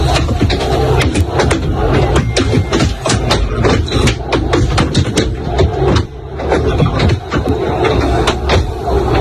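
Objects thrown at the Real Madrid team bus as it arrives at the Camp Nou repeatedly strike its outside, sharp bangs and thuds arriving in rapid, irregular bursts over a continuous low engine rumble, heard from inside the bus; an 8-second clip released by the club.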